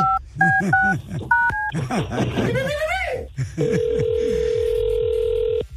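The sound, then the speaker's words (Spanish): A quick run of bright dual-tone keypad beeps as a phone number is dialed, followed by a long steady electronic tone, with people talking and laughing underneath. “A ver si contesta.”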